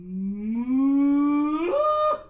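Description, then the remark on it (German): A single long, drawn-out cow moo on an alpine meadow, loud, rising steadily in pitch before breaking off at the end, with nothing else audible around it. “Anita Biebel arbeitet viel mit der Vorstellungskraft und führt Sängerinnen und Sänger gedanklich auf saftige Almwiesen mit fröhlichen Kühen.”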